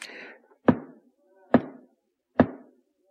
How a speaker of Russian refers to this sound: Слушай, оберст, впусти, кто там стучит?